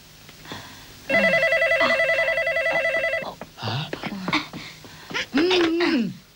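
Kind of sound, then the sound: household object, telephone being dialed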